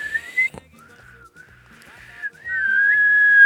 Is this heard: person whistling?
yes